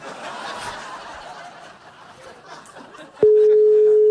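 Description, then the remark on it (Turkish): Muffled chatter and soft laughter give way to a sudden click, then a loud, steady telephone ringing tone that holds unbroken until the end. “Telefon çalarken mesaj gelmiş.”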